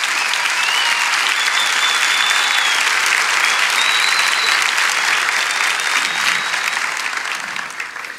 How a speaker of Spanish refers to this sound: Amén, vamos, dale ese aplauso a Jesús.